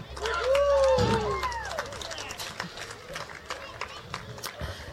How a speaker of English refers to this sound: Can we give a big round of applause for my band?